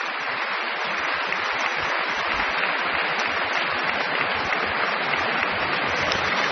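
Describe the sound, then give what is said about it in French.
Sustained applause from a large audience and the musicians of the Orchestre de Paris for a young violin soloist in the grande salle Pierre Boulez, a dense, steady roar of clapping hands at even volume throughout, with no voices standing out. “La jeune soliste est aussi très applaudie par les musiciens de l'Orchestre de Paris”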